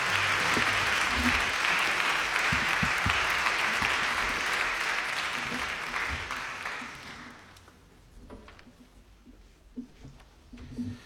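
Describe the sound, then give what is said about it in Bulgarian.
Sustained audience applause at a folk concert, welcoming Kostadin Atanasov, longtime concertmaster of the Filip Kutev National Folklore Ensemble, to the stage with his gaida (bagpipe). A dense wash of clapping stays steady for several seconds, then tapers off and fades into scattered claps and faint crowd murmur. “Вашите аплодисменти със своята гайда.”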